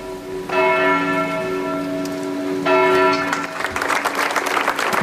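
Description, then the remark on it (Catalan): A church bell tolls twice with long ringing decay, then a crowd of about 200 people gathered at the doors of the town hall in Manresa bursts into applause, ending a minute of silence; the applause swells and continues steadily and loudly, with no talking. “Amb aplaudiments, unes 200 persones congregades a les portes de l'Ajuntament han trencat el silenci d'una ciutat, Manresa, que avui durant un minut ha emmudit.”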